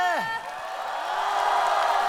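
An audience bursts into sustained applause for a singer, a dense steady wash of clapping that holds for the whole stretch, opened by a brief falling whoop from the crowd.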